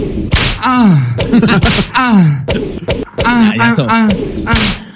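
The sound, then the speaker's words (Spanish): Several sharp whip cracks snap out loud, one every second or so, mixed with drawn-out groaning vocal sounds that slide up and down in pitch between them. “En realidad todas las habas son así porque tienen el latigazo.”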